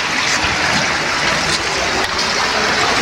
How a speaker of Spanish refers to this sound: Trasladarse al Centro Poblado Bolognesi, calle Madre de Dios con Ocoña. Están inundando las calles. Mira la cantidad de agua que se va perdiendo.